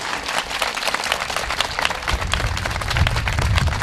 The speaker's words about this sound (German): Und da bitte ich mal um richtig nochmal Applaus.